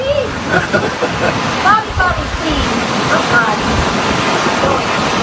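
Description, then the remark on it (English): Steady roar of ocean waves breaking on shore, loud and continuous with gentle swells in intensity, while faint indistinct voices drift in and out over the surf. “They got waves crashing there. They're right on the ocean.”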